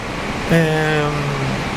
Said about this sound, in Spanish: Y nunca habíamos notado este efecto maravilloso de la lluvia pegando en el techo de... Hermoso. Casi siempre el que más le gusta la lluvia es el techo de zinc. O de chapa. De chapa.